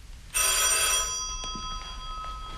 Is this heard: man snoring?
no